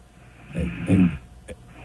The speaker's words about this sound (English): That's what she is. She's fast asleep. She's. Oh, I hear a little snore.